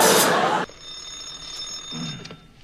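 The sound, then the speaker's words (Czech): A telephone bell at the Nimroda national enterprise rings in one loud, rattling burst that cuts off abruptly, leaving a thin high tone hanging in the air, with a faint murmur of a voice near the end. “Ano, ano, u telefonu dispečer”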